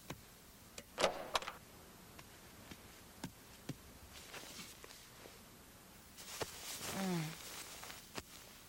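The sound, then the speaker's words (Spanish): A door is eased open just a little on request, with a latch click, a brief creak, and a longer low creaking groan near the end, scattered with small ticks and taps. “¿Podrías abrir la puerta solo un poquito?”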